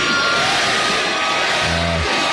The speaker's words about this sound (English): Crowd started chanting, Granny, Granny, as she crowd surfed for about a minute at the Rock the Country Festival in Texas. They're thinking she's the oldest crowd surfer of all time.